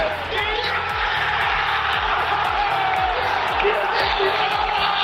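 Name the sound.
stadium crowd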